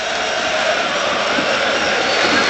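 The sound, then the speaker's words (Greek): A large crowd at the Telecom Center basketball arena, during a Panathinaikos game, applauds in a dense, steady roar of clapping that holds at a fairly loud level throughout, with no individual voices standing out. “Τώρα το Telecom Center, όλο το Telecom Center αντιλαμβάνεται γιατί φαίνεται στον κύριο του γήπεδο ότι ο Αζεντίνου να είναι στο γήπεδο και όλοι χειροκροτούν.”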